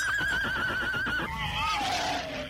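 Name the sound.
horse neighing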